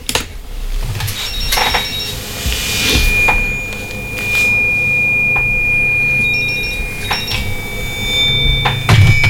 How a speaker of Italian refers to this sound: Aspettate che vediamo c'è chi c'è in linea. Telefonata.